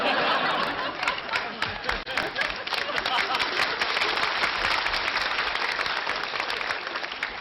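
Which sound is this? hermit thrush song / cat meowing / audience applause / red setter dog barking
audience applause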